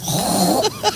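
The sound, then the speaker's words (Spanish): A woman on Basque regional television (ETV) imitates a pig with a low, rasping grunt-snort, followed by two short, higher nasal squeals near the end. “Un cerdo.”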